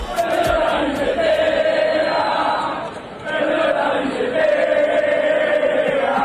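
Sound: football fans chanting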